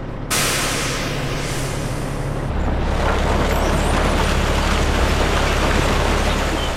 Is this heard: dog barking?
no